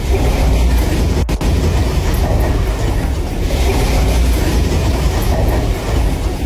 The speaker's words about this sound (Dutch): Door twee zware aardbevingen voor de kust van Panama zijn zeker 27 mensen gewond geraakt. De schokken die werden door het hele land gevoeld en hadden een kracht van 7,7 en 6,6. Deze vrouw zat in de auto toen gebouwen om haar heen instortten.